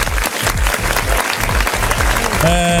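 An audience breaks into loud, sustained applause, dense clapping that fills the whole stretch, with a sustained musical tone rising in at the very end.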